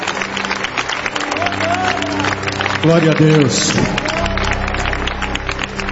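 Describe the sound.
A crowd claps steadily in a dense, continuous patter of applause, with a voice calling out over it and some cheering mixed in.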